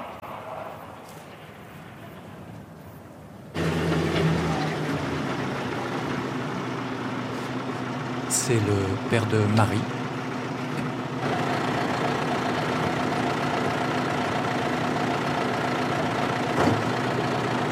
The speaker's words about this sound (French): Le lendemain, un tracteur.